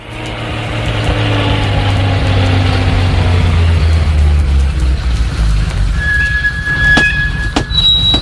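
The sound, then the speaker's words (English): A steady, loud rumble of a city bus ride home on Easter Sunday afternoon, with a low droning engine hum throughout and a thin, high brake squeal near the end, plus a couple of sharp clicks. “Mother doesn't have a car, so we had to ride the bus.”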